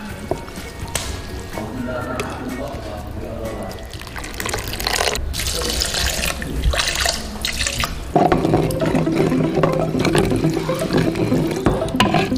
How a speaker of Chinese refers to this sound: 开水浇淋取之，提鲜去腥。